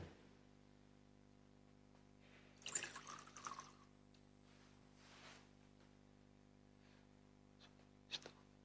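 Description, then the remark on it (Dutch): A small amount of water is poured into a chalice of wine during a church liturgy, a short trickling splash lasting about a second, followed by a few faint, quieter liquid sounds over a steady low hum. “Water en wijn worden één.”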